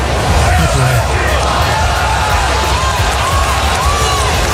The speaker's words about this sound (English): I love a good sell the team chant.